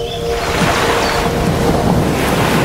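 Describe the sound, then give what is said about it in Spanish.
Rough sea waves crash against the shore in a loud, continuous roar, with churning surf and wind noise filling the whole stretch and no voices. “Desde la calmada superficie de los lagos, viajamos a los márgenes del agitado mar”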